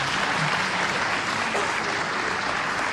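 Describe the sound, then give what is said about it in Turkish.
Sustained audience applause for a Turkish folk song choir and its conductor Soner Özbilen after the final song, a dense, even wash of many hands clapping at steady loudness for the whole stretch, with no voices rising above it. “Koromuzu ve şefimiz Soner Özbilen'i bir kez daha gönülden alkışlıyoruz.”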